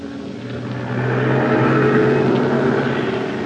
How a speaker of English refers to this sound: An army truck is backing up to the schooner Spindrift, tied up at the dock at the town of Zamboanga in Mindanao.